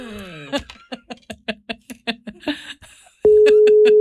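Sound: telephone call tone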